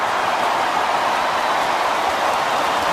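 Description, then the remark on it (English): A large crowd stands at the Paddington end and claps and cheers for Malcolm Roses Jr., who now has six, during a Swans versus Melbourne match, in a steady, dense wash of applause that holds at an even, fairly loud level for the whole stretch, with no voices standing out. “The crowd stand and applaud at the Paddington end.”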